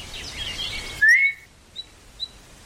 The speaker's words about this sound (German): Als ich am zweiten Nachmittag missmutig die Gartenwege entlang schlenderte und immer wieder mit der Zunge die verheilende Zahnwunde betastete, hörte ich auf einmal einen leisen, aber scharfen Pfiff.